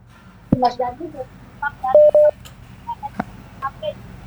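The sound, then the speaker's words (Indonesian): Phone dialing tones of a WhatsApp call: short electronic beeps, including two steady mid-pitched tones back to back, mixed with sharp clicks and brief, clipped fragments of voice. “Saya coba ke panggilan WhatsApp ini su.”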